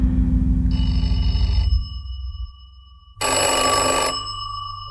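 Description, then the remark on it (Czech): A telephone bell rings loudly in two bursts, a long ring followed by a short pause and a second ring, clear with no one speaking; it is a 6 o'clock wake-up call from the telephone service. “Halo? Tady telefonní služba. Přála jste si vzbudit v 6 hodin, madam.”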